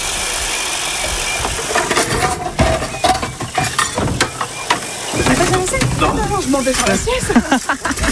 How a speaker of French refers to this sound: Et enfin, l'un des moments phares de la journée, c'est quand il faut faire la vaisselle.